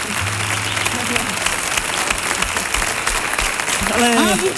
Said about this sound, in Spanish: por favor, un aplauso doble, triple.